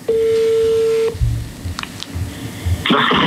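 A steady telephone tone hums for about a second, then after a pause two short dialing beeps sound over faint line hiss, ending in a rush of crackly noise, as a company's phone number found on the internet is called. No one speaks.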